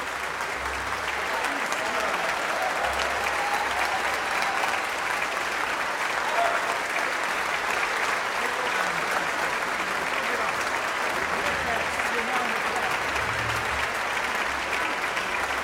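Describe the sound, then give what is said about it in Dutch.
A concert audience applauds steadily and loudly, a dense, even wash of clapping mixed with scattered cheers, holding at the same level for the whole stretch without fading. The cheering is for Joey Raukens at the closing concert of the Dag van de Componist in Tivoli Vredenburg, Utrecht, broadcast live on NPO Klassiek. “Dat gejuich is voor Joey Raukens.”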